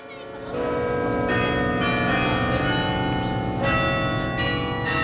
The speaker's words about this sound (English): At Yale's campus in New Haven, Connecticut, the bells ring every lunchtime.